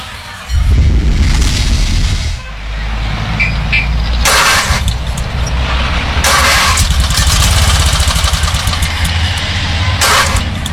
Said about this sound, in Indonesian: Aduh, pagi mogok ke segala nih motor.